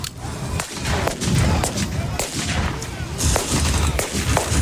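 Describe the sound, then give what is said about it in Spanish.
Repeated sharp gunshots crack out at irregular intervals over a constant roar of low rumbling, like explosions and engine noise, with faint voices beneath the din, at a historical reenactment of the July 1937 Battle of Brunete in Brunete, Spain, among armored vehicles and anti-tank guns. “Así, con ese ambiente, rodeados de vehículos blindados y anticarros, y entre explosiones y disparos, varios grupos de recreación histórica de toda España y hasta participantes de Estados Unidos y Reino Unido”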